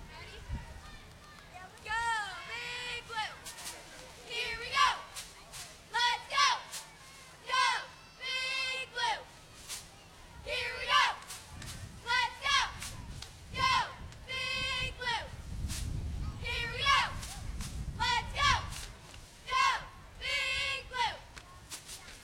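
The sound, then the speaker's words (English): A group of girls shouts a cheerleading chant of "Go Big Blue" in loud, rhythmic bursts with short pauses between phrases, energetic over a low rumble of background noise. “Have you noticed how soft-spoken they are till they start cheering, and then it booms out?”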